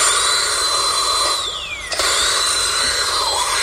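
A dental drill whirs with a steady high-pitched whine, dipping lower midway and briefly cutting out before spinning back up, loud throughout with no voices.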